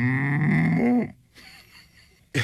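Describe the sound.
A man's voice imitates a cow's moo: one loud, sustained low drone lasting about a second, with the pitch dipping slightly. It is followed by quiet background noise and a brief vocal sound at the end.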